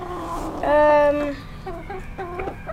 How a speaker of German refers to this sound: Wo sind wir denn jetzt? Wir sind bei den Hühnern.